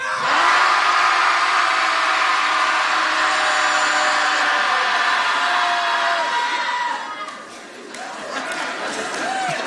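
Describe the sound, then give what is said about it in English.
A crowd of people at a Shouting Society gathering in Portland shouts together at full volume on a count of three, a dense sustained roar of voices lasting several seconds before dropping off, followed by a few scattered, quieter yells. “Everybody at home listening, hopefully you're shouting too.”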